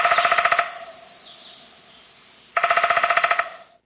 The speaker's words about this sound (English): Okay, so as we talk about this, let's listen again a little bit to the sound of a downy woodpecker to remind ourselves how quickly they do it.